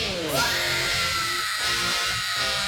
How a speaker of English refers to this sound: And you know that scream that she does at the beginning of the song?